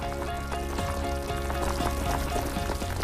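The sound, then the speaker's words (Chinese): Continuous bubbling and sizzling of hot pot broth with an ordinary soup base boiling inside fresh giant dragon bamboo over a bamboo-wood fire, a steady simmer with scattered pops and crackles throughout, no voices. “竹柴入火，竹焰升腾，只需要放入最普通的底料，在沸水的加持下，自然的竹清香缓缓漫开，它既中和了辣锅的油腻，也调出了鲜美的竹香高汤。”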